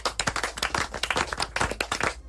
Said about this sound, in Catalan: Tercer, picant de mans.